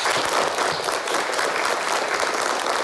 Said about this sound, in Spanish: Hoy tenemos un nuevo compañero, lo cual es una alegría para todos. Y vamos a recibirle con un aplauso.